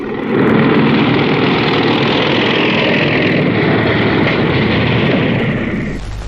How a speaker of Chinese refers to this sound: 连长，连长，摩托车来了。 多少？ 看不清啊，下来吧。